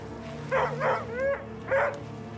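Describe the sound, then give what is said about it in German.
A stressed dog lets out four quick, tense barks mixed with a whining whimper, over a steady low background hum. “Wenn ich mich einem gestressten Hund näher, muss ich natürlich ein bisschen schauen, wie reagiert der einfach auf mich.”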